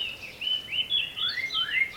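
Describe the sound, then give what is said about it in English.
Several birds sing together in a continuous, overlapping chorus of high warbling whistles and chirps, steady in loudness with no voices present. “Singing Birds.”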